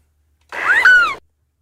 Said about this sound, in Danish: Jeg siger, det er en måge. Det er en meget lille, meget lille lyd, vi får af mågen, synes jeg.